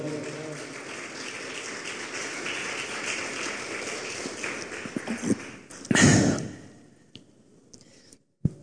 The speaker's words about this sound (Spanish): Y un aplauso, por favor.